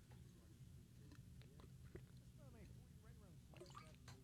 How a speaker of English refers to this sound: Sorry, I got to get some water in me.